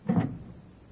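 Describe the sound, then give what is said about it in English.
A woman unlatches and pushes open the door of apartment number 644 with a latch key: one brief, muffled clunk, followed by quiet room tone. “a woman walks down the street, up the steps to number 644, takes out a latch key, opens the door, and walks into the apartment as the clock strikes 8.”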